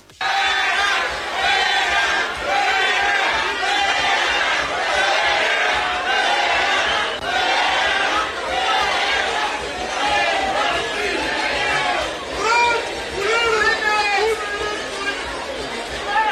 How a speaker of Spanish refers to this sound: Luego, el sábado, durante la entrega de viviendas, el senador de Morena y exgobernador priista Alejandro Murat asistió al evento de la presidenta y fue recibido con abucheos.